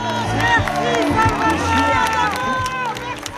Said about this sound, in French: Les applaudissements des fans d'…, c'est la fin de ce journal.